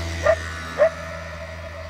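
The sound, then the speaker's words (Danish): Two short barks from dogs in Italy at sunrise over the Mediterranean, spaced about half a second apart, over a steady low hum of background noise. “Og så er der jo altså solopgang over Middelhavet, og så kan jeg høre hunde og vespær.”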